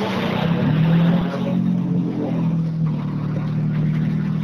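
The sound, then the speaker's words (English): A Peugeot 208 Rally4 front-wheel-drive rally car engine runs loudly at the end of a tarmac rally stage, a steady throaty drone with small rises and dips in pitch, heard alone without any talking. “are at the stage end with their Peugeot 208 Rally 4 car.”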